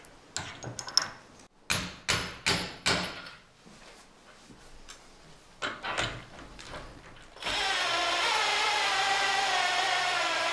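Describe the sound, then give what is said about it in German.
A metal spike with a washer is fitted into the wood of a fruit-picking ladder: a quick series of sharp knocks and clinks, some quieter handling clatter, then a steady, loud whirring like a power tool to the end. “Die verhindert, dass das Holz ausreißt, wenn ich die Spitze reinmache. Als nächstes kommt dann die Spitze mit der Unterlagscheibe.”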